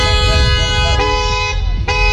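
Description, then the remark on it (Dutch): A car horn blares almost continuously, with two short breaks where the tone restarts, over a low rumble of road traffic. Loud, with no voices. “Er zijn veel klachten in de stad over hard optrekkende auto's, knallende uitlaten en getoeter.”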